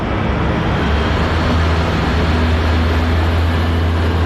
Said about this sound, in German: Ein Radpanzer und mehrere Lastwagen fahren vor.